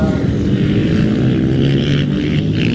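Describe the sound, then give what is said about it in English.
Loud, steady roar of motorbike engines racing at the Sound of Thunder, a race meet for British, European and American motorbikes: a thick continuous drone with rich low rumble that holds at full volume throughout, without any talking. “It's a race meet for British, European and American motorbikes, and today's event is also a tribute to the late motorbike inventor John Britton.”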